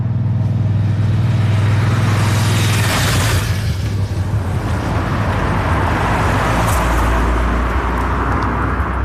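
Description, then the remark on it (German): Cars and motorbikes roar past on a narrow road running directly in front of a restaurant at Schönmatt, shortly before five o'clock, passing about every minute; a loud, steady engine rumble with a couple of rushing passes swelling and fading. No one speaks. “Eine schmale Strasse geht direkt vor dem Restaurant durch, Töpfe und Autos sausen vorbei im Minutentakt.”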